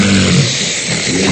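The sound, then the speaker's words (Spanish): A person imitates a loud, harsh snorting gasp, a rough throaty rush of breath like a snorer resuming breathing after an apnea pause. “Una persona que ronca y hace una apnea y vuelve a respirar, ¿no?”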